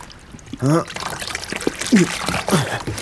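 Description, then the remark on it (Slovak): Water sloshes and trickles as a heavy fishing net is hauled up out of the water at sunset, with dripping and pouring and short straining vocal grunts breaking in a few times. “No, ešte raz vyťahnem sieť a poberiem sa domov.”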